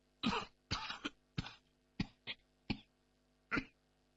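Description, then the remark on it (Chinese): A series of about seven short, low coughs in uneven clusters from a person covering their mouth with a hand, fairly muffled, with brief pauses between them and no talking. “捂着嘴巴低低的咳嗽了几声”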